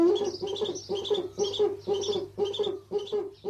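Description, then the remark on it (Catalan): A Eurasian eagle-owl (Bubo bubo) calls in a steady series of about eight short, harsh hooting notes, fairly loud, with no other voices or sounds. “duc, bubo, bubo. Mussol que trobem en hàbitats forestals i rupícoles durant tot l'any.”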